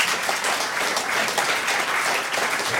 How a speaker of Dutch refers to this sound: Zo, nou, geef een groot applaus.